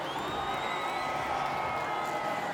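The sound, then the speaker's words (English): A crowd applauds and cheers steadily throughout for a contestant in a competition, where the audience's vote may decide who goes into the final; a dense wash of clapping topped by high whoops and whistles that rise and fall without letup. “One more time, round of applause for King Kruger.”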